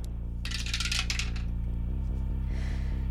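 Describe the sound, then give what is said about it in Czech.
A die clatters and rattles down through a dice tower, a quick burst of tumbling clicks lasting about a second, then quiet with a steady low hum underneath. “Připravená věž, do které hodíme kostku.”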